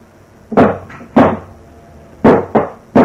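Five loud, heavy hammer blows strike a stuck door at an uneven pace, two well spaced, then three in quicker succession, each a dull thud with a short ringing decay and no voices.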